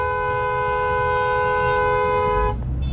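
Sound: car horn honking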